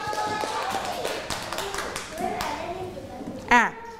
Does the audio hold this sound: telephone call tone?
no